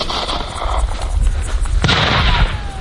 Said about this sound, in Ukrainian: Наступне завдання – стрільба. Спочатку працюватимуть гранатометом. I will say, постріл! Okay, I remove my safe. Постріл, бум! Постріл!